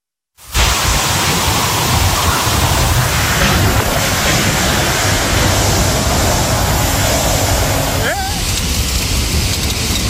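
Heavy rain from a cloudburst in the Valencia region of Spain, bringing up to 90 litres of water per square metre, pours down in a dense, steady roar, loud, holding at the same intensity for the whole stretch after a brief silent start.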